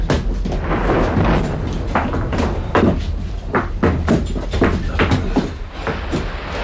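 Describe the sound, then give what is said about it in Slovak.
A door being opened amid a busy run of knocks, clatters and thuds, fairly loud over a constant rumbling background, with no voices. “Otvorte, otvorte!”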